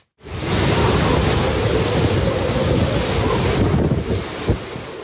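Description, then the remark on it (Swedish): Loud, continuous roar of storm surf and howling wind from Typhoon Bavi buffeting the microphone on the coast of Okinawa, Japan, with 12-metre waves crashing close by, wind nearly toppling trees, and a heavy gust thumping near the end. No one speaks. “Stormen slår mot kusten på den japanska ön Okinawa med 12 meter höga vågor. Vinden piskar och nästan välter träden i videon från nyhetsbyrån Reuters.”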